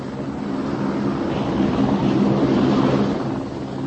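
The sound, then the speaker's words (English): A helicopter drones steadily overhead, its loud, continuous engine and rotor roar filling the air without any voices, swelling slightly in the middle before easing off. “Amazing things, helicopters.”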